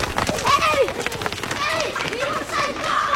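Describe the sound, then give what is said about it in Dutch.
Quick running footsteps of a person running at 10 kilometres per hour, as fast as a hedgehog, patter in a steady rhythm, fairly loud, while voices call out over them. “Ik ga rennen zo hard als een egel.”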